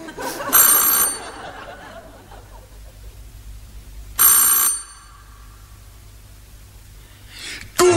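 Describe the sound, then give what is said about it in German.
An electric doorbell at the Sedlmeier couple's house rings in short, bright, buzzing bursts: two half-second rings a few seconds apart, and a third beginning at the very end, with quiet pauses between. “Und ich werde gleich läuten bei diesen Leuten.”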